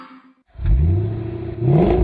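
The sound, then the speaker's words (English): The engine of a plum crazy purple 1970 Cuda AAR muscle car roars to life and revs hard, a deep, throaty rumble that climbs in pitch, eases slightly, then surges again with no voices over it. “Yeah, it's a 1970 Cuda AAR, actually.”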